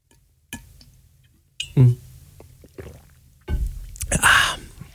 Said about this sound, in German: Kräftiger Schluck aus der Wasserflasche jetzt zusammen. Prost.